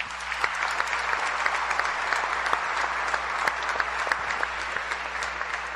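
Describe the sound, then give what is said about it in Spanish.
A crowd in Pautún Petén applauds steadily for several seconds, sending applause to viewers in Spain: a dense wash of many hands clapping with sharper individual claps popping out, and a faint low hum beneath. “Un saludo a todos los que nos están viendo allá, y desde acá de Pautún Petén les enviamos un caluroso abrazo y un aplauso también.”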